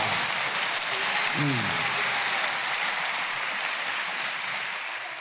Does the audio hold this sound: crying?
no